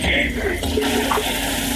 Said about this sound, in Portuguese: É sério, agora puxou-me a água.